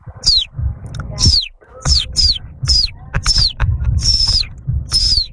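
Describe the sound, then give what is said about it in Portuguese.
A person imitates a baby chick's high, thin peeping, repeating short descending cheeps about eight times in a quick, steady series, fairly loud over a low background rumble. “Habilidade inútil que eu tenho é de imitar um pintinho.”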